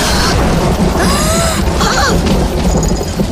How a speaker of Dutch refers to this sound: Ik vind die knallen eng. Nou, ik niet, hoor. Oh, dat is onweer. Niets ergs, hoor, lieve Pip.